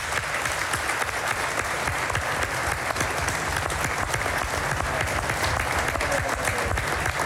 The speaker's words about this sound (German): Und ich finde, das auch nochmal ein Applaus wert.